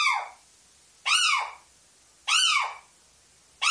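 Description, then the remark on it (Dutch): A little owl's excitement call: loud, shrill, harmonic cries that rise and fall in pitch, repeated about once a second, with silence between them and no talking. “De opwindingsroep.”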